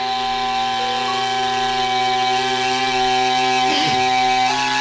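A Tuvan chuur flute, which has only three holes, is played with the blow hole at the corner of the mouth and sounded by vibration of the tongue tip: a loud, unbroken reedy drone rich in buzzing overtones, holding steady pitches with a brief wavering dip near the end, and no voices.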